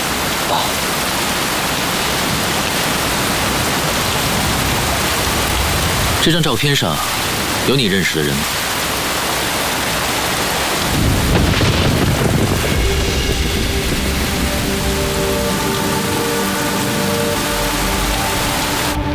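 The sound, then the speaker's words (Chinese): Steady, dense rain hisses throughout, fairly loud, with a few brief rumbling thuds and faint murmuring voices partly buried beneath the downpour. “哎，等会儿，哎，先生，这下雨打样了，需要帮忙吗？”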